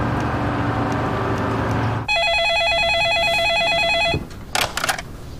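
After a stretch of low rumbling noise, a telephone rings loudly with a trilling electronic warble for about two seconds, followed by a few faint clicks and rustles.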